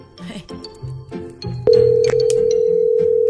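A steady, loud single-pitch telephone ringback tone from an outgoing prank phone call starts about halfway through and holds to the end, preceded by brief murmuring and faint clattering sounds.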